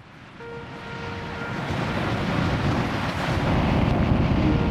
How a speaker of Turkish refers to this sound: Fırtınanın gözü hala birkaç kilometre uzakta ama gördüğünüz gibi dev dalgalar yaratıyor ve rüzgarlar son derece güçlü.